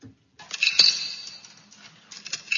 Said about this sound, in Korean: 이게 공중전화에 동전을 넣는데 상당히 많이 넣고 있죠. 예전에 시외전화를 걸 때 이렇게 동전을 많이 넣었어야 했었어요.